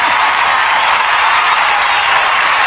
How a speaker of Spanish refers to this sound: Fuerte el aplauso para esta dama hermosa que nos acompaña.